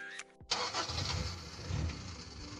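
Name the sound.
old car engine starting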